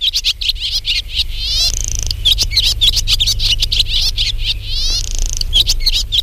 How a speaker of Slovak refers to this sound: Ale keby sme nemali to vrabčie čvírikanie, alebo ako sa tomu ešte všelijako ináč hovorí, tak by bolo smutno na tej dedine.